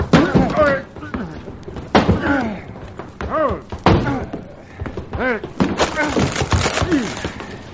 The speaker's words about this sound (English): Someone's banging on that closet door